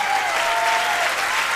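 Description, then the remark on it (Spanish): A crowd applauds steadily, a dense wash of clapping that stays loud and even throughout, with a faint tonal whine running beneath it, welcoming a guest musician from a rock band. “Vamos a recibir con un fuerte aplauso.”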